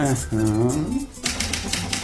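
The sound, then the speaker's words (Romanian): An author types on a typewriter: a rapid burst of keystrokes, sharp clacking taps in quick succession, follows a short stretch of sustained, tonal voice sound at the start. “Autorul bate la mașină.”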